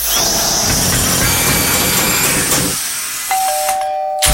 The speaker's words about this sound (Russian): Да сколько можно долбить? А когда мне еще ремонт делать?